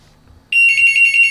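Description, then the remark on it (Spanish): A loud electronic ring starts abruptly and pulses rapidly in a bright, steady tone, a telephone ringing with an incoming call to the news program El Noticiero Pueblo on Radio Mami, an AM station, heard alone after a quiet low hum. “Bueno, no se acaba abierto ni modo, puedes escuchar esa llamada.”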